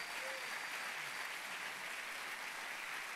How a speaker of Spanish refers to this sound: Fuerte ese aplauso.